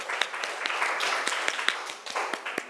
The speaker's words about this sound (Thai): ขอเสียงปรบมือให้ตัวแทนห้องต้นทางหน่อยค่ะ